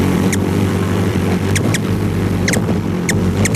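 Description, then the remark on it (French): High, thin chirps of a ruby-throated hummingbird feeding in a group, imitated by Pierre Verville: quick squeaky bursts, often in pairs, scattered irregularly over a steady low rumbling hum. “Le colibri à gorge rubis, c'est pipiment lorsqu'il se nourrit en groupe.”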